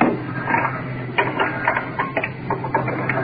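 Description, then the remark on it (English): An oxygen cylinder being changed while the patient's oxygen mask is off temporarily: a run of irregular metallic clicks and clunks, some in quick pairs, over a steady low hum, with no one speaking. “Changing oxygen cylinders.”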